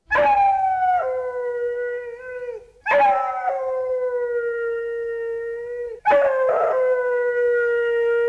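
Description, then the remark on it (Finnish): A dog howls in three long, sustained, tonal wails, each starting abruptly and holding a steady pitch, loud, with no talking. “se kertoo koirasta, joka halusi laulaa. Koira, ole hyvä.”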